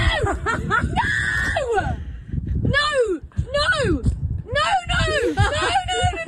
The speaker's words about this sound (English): No! Now she screamed no in my face for like a good 5 minutes,